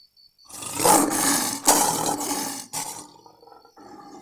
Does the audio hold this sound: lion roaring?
yes